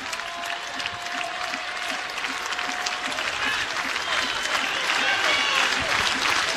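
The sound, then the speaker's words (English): A large baseball stadium crowd claps and cheers for pitcher Blackowitz in a dense, continuous roar of applause that swells slightly louder toward the end, with a faint whistle-like tone in the first half. “Crowd getting behind Blackowitz once again.”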